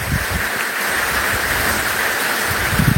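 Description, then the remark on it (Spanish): Steady rain hisses continuously, a dense, even wash of noise with no pauses, fairly loud, and no voices can be heard over it. “Bueno, está lloviendo por allá.”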